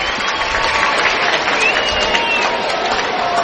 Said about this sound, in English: Nolan with a soft single into right field drove in a run. The fans applaud Arenado as he stands back in.